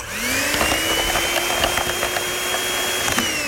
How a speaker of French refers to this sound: Et on ajoute le poudre de lait. On va le fouetter.